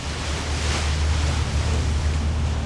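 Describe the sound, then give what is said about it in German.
A steady, even wash of open water with soft lapping waves on the water between the two sides of Istanbul, Turkey, during a crossing from Beşiktaş to Kadıköy, carried over a constant low rumble, no voices, continuous and unchanging throughout. “Tatsächlich ist es fast nirgendwo in der 16-Millionen-Stadt so still wie auf dem Wasser, das die beiden Seiten der größten Stadt der Türkei trennt.”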